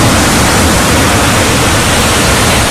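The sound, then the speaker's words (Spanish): Loud, steady rush of ocean surf breaking on a sandy beach, a continuous hiss and roar with no voices over it. “Arena bajo los pies, el sonido de las olas, el sol calentando la piel”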